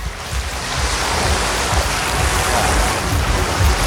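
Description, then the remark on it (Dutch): Steady roar of North Sea waves washing onto a beach at Concert at Sea, heard from very close and fairly loud, with broad hissing surf and low rumbling swells continuing without pause and no voices. “We hebben de klotsende oksels in het publiek ingeruild voor klotsende golven van de Noordzee.”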